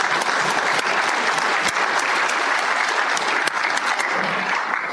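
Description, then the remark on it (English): A group gives themselves a round of applause for the things they have donated, clapping together steadily and densely, staying loud and even for several seconds, with no voices standing out above it. “And before we get started, I want this group to give themselves a round of applause for the things that you've been able to donate.”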